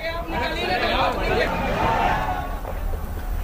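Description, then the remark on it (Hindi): Dense crowd chatter of devotees at Hanumangarhi temple, gathered for darshan of Bajrang Bali (Hanuman) on the eighth Bada Mangal Tuesday. Many overlapping voices form a steady babble with no single speaker standing out, continuous and fairly loud throughout. “और आज आठवां बड़ा मंगल है हनुमानगढ़ी में बजरंग बली के दर्शन के लिए भक्तों का तांता।”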